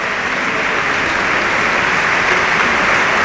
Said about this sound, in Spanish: Cuando alcanzamos también el minuto 21, como siempre aplaudiendo la grada del RCD Stadium en memoria del eterno capitán Dani Jarque.